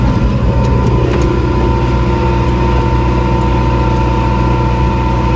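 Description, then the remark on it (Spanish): A tractor engine runs loudly and steadily, a continuous low rumbling drone with a few faint rattles near the start and no one talking, the tractor pulling a trailer through a dehesa of holm and cork oaks in the province of Badajoz, Spain, on a "Safari del Toro" tour. “Hoy te mando la postal sonora subidos a un tractor.”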